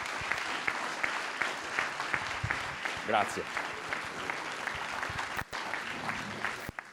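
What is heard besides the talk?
loud audience applause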